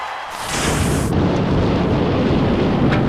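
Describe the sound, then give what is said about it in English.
A loud crack of thunder bursts in with a bright, crackling onset, then rolls into a sustained deep rumble that fills the whole clip, heavy with no voices. It is a sound effect introducing the lightning flashes segment on the radio station Lightning 100. “And that sound means it's time for your lightning flashes.”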